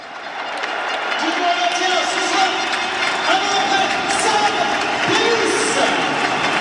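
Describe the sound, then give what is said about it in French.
A big crowd at the Stade des Alpes gives an ovation for the return of Sam Davis, breaking into sustained applause and cheering, the roar swelling over the first second and then holding steady and loud, with scattered shouts rising from the mass of noise. “Et vous allez attendre l'ovation du Stade des Alpes pour Sam Davis.”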